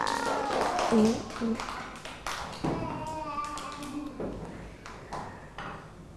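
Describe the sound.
A group of children clap for a classmate: scattered, uneven handclaps of moderate loudness, with young voices calling out and chattering over the clapping.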